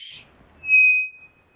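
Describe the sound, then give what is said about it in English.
A short buzzy chirp, then a single clear, high whistled bird note that holds a steady pitch for about a second before fading out. No voices, just the bird alone. “Fast modulation whistles. Slow modulation whistles.”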